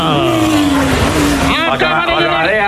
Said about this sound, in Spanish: Ahí está, ojo que llega el autobús, va a llegar, 3, 2, 1, ¡topa!